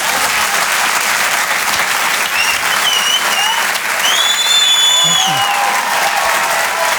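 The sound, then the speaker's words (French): Loud, steady applause from an audience at a live comedy show at the Grand Point Virgule, for comedian Maxime Gasteuil, fills the whole stretch as a dense wash of clapping, with a few faint whistles and cheers rising over it near the middle. “On peut l'applaudir très fort, Maxime Gasteuil, sur les chansons.”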